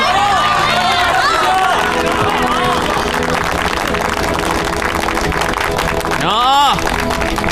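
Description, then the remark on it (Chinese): Enthusiastic applause welcoming a hero fills the whole stretch, a dense, steady wash of clapping mixed with crowd cheers and shouting voices, with one loud rising-and-falling whoop near the end. “他是我们心中的大英雄，中国人的大英雄，我们要用热烈的掌声欢迎大英雄。”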